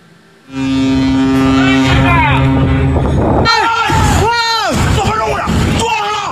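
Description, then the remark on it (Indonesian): A ship's horn blasts long and loud as a Panama-flagged cargo ship collides with a fishing boat in Singapore on a Thursday, then alarmed voices shout over the rumbling noise of the vessels. “Viral di media sosial, detik-detik kapal kargo berbendera Panama menabrak kapal penangkap ikan pada Kamis.”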